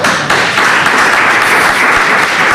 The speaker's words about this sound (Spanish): Ahí salía al rescate el presidente para pedir ese aplauso para él, porque en ese momento estaban llorando, ya digo, prácticamente todo el mundo que estaba en la sala, incluidos compañeros.